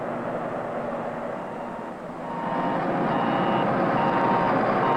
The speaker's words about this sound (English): Backup alarms are another effective means of preventing backing accidents. All moving equipment should have automatic backup alarms that sound off whenever the vehicle is operated in reverse and are audible above the surrounding noise level.